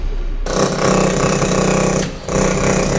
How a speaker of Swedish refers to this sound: Hörde du? Det är en rammer i sitt naturliga habitat.